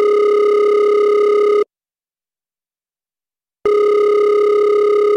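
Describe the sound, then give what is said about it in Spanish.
A phone's ringback tone, heard while calling from a borrowed mobile phone, sounds twice: a steady electronic tone with bright harmonics lasting over a second, then two seconds of silence, then the tone again, clear, with no talking. “Le pedí a mis vecinos que si me dejaban usar su celular.”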